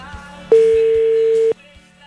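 A single loud ringback tone from an outgoing phone call: one steady, even beep lasting about a second, cutting on and off sharply, with quiet background noise on either side.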